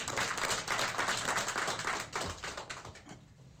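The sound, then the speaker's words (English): An audience applauds General Mashilu as he stands after being introduced in the police leadership for Limpopo province, in a steady, dense patter of many hands clapping at once, fairly loud at first and tapering off toward the end, with no voices over it. “Maybe you can just stand so that everybody can see him and clap for him, please.”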